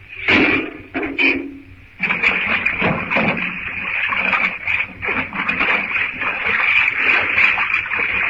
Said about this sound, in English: If he opens the door, the water will rush out. And then it'll be high enough to let the boiler. When the door opens, hang on till the first rush of water is over.